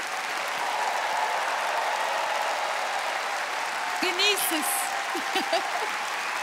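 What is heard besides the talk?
audience applause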